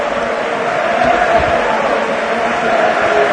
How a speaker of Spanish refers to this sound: Más que merecida la ovación a Roberto.